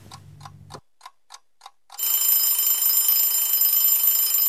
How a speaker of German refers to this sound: Der Wecker klingelt, es ist 3 Uhr morgens.